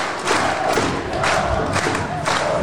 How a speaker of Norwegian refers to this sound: Vi ser mer applaus for Patrick Berg. Vi skal garantere dere. Folk står og applauderer som bare det.